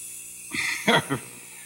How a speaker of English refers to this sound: And now we're spraying a nice sheet of aluminum foil with oven cleaner.